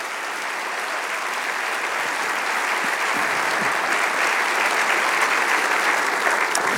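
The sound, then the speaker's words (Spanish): A church audience applauds the King of Kings during a Holy Week service. It is a steady, dense wash of many hands clapping that holds at a strong, even level throughout, with no talking over it. “Vamos a darle un aplauso al Rey de Reyes.”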